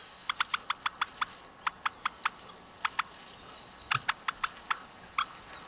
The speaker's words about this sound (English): They have an alarm call that's it's not a cluck, but it's kind of a squeaky little chirp almost. And when the bird senses danger or is a little alarmed, it will make that little sort of pip, pip, pip, pip call.